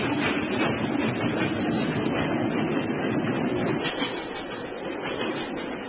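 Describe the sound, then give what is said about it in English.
A steam train rumbles loudly and steadily as it pulls away, a dense continuous roar of rail noise with no voices, fading only slightly toward the end. “Stop the train, I say!”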